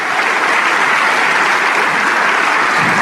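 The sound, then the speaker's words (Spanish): Sustained applause from a large church audience fills the space, a dense, steady wash of many hands clapping at once with no pauses, loud throughout. “Si ese aplauso es para el Rey de Reyes, aleluya.”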